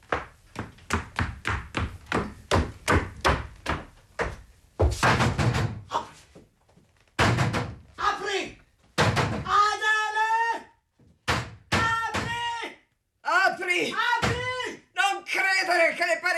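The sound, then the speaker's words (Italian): A rapid series of heavy thuds pounds on a door, about a dozen loud blows in quick succession, followed by agitated voices shouting over a few more scattered bangs. “Adele! O butterò giù la porta!”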